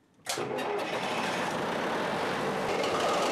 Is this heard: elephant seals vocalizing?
no